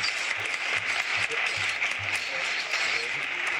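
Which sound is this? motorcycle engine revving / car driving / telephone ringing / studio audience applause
studio audience applause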